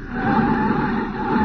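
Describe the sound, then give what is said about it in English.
A car's brakes squeal loudly and steadily as the driver brakes to a stop for a red light at a corner, a sustained high whine over a rough, rumbling engine and road noise. “All right, now I'll put on the brakes and ease the thing to a stop.”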